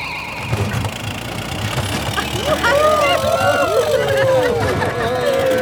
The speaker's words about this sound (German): Es ist jedes Mal ein Erlebnis, wenn euer Auto abhebt und fliegt.